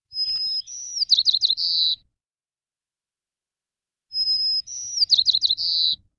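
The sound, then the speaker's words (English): A white-crowned sparrow sings two clear songs a few seconds apart, each opening with a whistled note followed by a quick series of buzzy trills, heard alone against silence. “And the white-crowned sparrow is one of these.”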